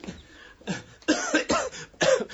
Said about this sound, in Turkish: Çok fenayım. Bir haftadır devamlı öksürüyorum. Gece demiyor, gündüz demiyor. Öksürüp duruyorum.